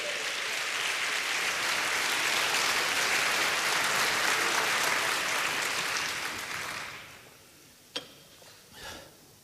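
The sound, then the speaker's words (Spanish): A church audience claps for the Lord during a Spanish-language sermon in a dense, sustained burst of applause for about six seconds, then it fades out, leaving a couple of sharp isolated claps and a brief trailing rustle. “Dele palmas al Señor.”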